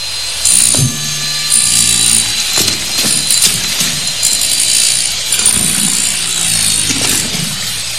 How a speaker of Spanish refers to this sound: Practica un agujero en la pared con un taladro.